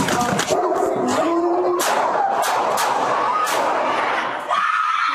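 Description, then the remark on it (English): A dog yelps and whimpers in high, strained cries amid a chaotic burst of loud, sharp bangs and commotion as a police officer shoots the dog at an apartment complex in Canoga Park, intense for several seconds. “you hear the audio too, showing an incident during which an officer shoots and kills a dog”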